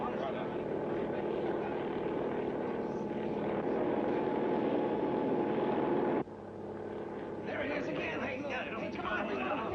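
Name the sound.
helicopter taking off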